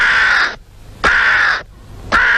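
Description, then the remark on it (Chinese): A crow caws three times in steady succession, each call loud, harsh and drawn out, with short silent gaps between, and no voices are present. “老爷出门碰见乌鸦叫，可不是好兆头啊。”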